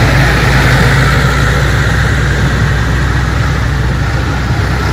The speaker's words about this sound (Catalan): Mig centenar de pagesos i una quinzena de tractors han participat a la marxa lenta.